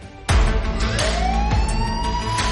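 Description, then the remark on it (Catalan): A loud emergency siren wails, its tone sweeping steadily upward, starting abruptly after a brief quiet moment, with dull thumps and rumbling traffic-like noise underneath and no talking. “Quines sirenes que em posa aquí”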